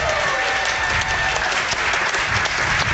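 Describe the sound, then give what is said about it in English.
A crowd of people applauding steadily for a few seconds for the host's parents, who have just walked in the door, a dense wash of many hands clapping at once, loud throughout. “Everybody give my mom and dad a round of applause.”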